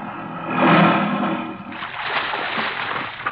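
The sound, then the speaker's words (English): A small boat pulls up through the water beside a low, rocky ledge where another boat is tied up, a rushing swell building and easing before giving way to steady sloshing and splashing against the hull. No voices are heard. “What were you so busy shoving down in the water between your boat and that ledge when we pulled up?”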